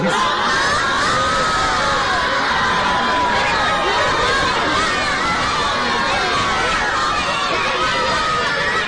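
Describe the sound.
A large crowd of children cheers, claps and shouts excitedly, with overlapping high voices and whoops forming a dense, continuous roar of noise that stays loud throughout.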